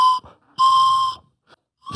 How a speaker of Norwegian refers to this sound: Tror dere klarer en Tøyen Holding-sang på fløyta?